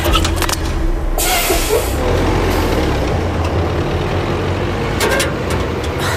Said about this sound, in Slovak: chystáte sa vliesť aj do smetiarského auta?